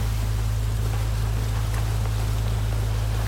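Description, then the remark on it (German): A red speedboat approaches fast on the water in thickening fog, its engine droning steadily at a low pitch beneath a wash of hissing water and wind noise, holding an even, fairly loud level throughout with no talking. “Hörst du das auch? Da kommt ein Boot.”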